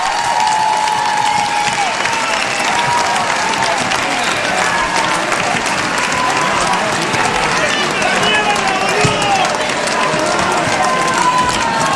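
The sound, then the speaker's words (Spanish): Sustained audience applause fills all twelve seconds, a dense, steady wash of clapping with crowd noise and faint voices mixed in, loud and even throughout. “¡Aplauso para ellos!”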